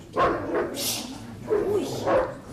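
A guard dog barks four times in an irregular pattern, fairly loud, with a short hissing rustle between the first barks.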